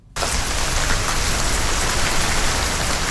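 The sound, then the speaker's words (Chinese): Dense artificial rain from a high-pressure misting cooling system on the rooftops of a residential compound in Yanhu District, Yuncheng, Shanxi, China, all buildings spraying at once, pours down steadily, a loud, continuous hiss of falling water that starts abruptly after a brief quiet moment and holds even throughout, with no voices. “随着楼顶的高压雾化喷淋降温系统启动，各楼楼顶同时喷水，宛如鲸鱼喷泉。”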